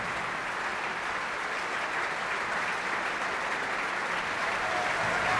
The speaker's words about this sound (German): holen Sie hier Ihren Applaus ab.